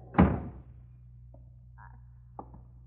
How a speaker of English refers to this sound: Close that door, Lucy. You'll catch your death of cold.